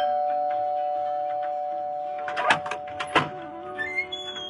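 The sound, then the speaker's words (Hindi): An electronic doorbell rings with a steady, sustained tone, followed by a few sharp clattering clicks and a brief high chime near the end. No one speaks. “अरे बहू, दरवाजे की घंटी सुनाई नहीं दे रही क्या?”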